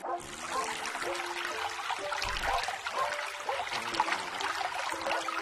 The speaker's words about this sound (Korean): 어? 물 흐르는 소리가 들려. 맞아요. 자연에서는 물소리와 같은 아름다운 소리가 나죠.